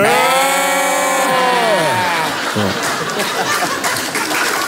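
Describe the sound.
Several people imitate sheep together, bleating in two voices with wavering long "baa" sounds that overlap for a few seconds, then break into rough laughter and chatter.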